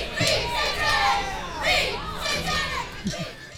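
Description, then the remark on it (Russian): A crowd at a 1997 concert in Texas shouts and yells together in a dense, continuous roar, with individual voices briefly rising above the mass of noise. “Не знаю, что они кричали, но песня хороша.”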